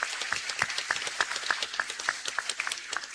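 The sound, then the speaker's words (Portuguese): A crowd applauds steadily to welcome the people from Imater, many hands clapping in a dense, crackling wash, with a few louder claps standing out at a regular pace over the full three seconds. “Sejam sempre bem-vindos, acolhemos o pessoal da Imater com uma salva de palmas.”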